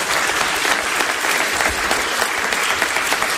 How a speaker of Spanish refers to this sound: Y para celebrarlo, tenemos en el palco al fundador de la empresa, el gran Federico Montalvo. Un aplauso, por favor, para Federico.